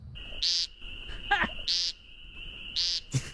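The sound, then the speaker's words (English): Three buzzy, nasal peent calls of an American woodcock, evenly spaced about a second apart, over a steady high-pitched insect-like drone with a couple of faint clicks in between. “Next, the American woodcock. Meep, meep, meep. Now listen to that one.”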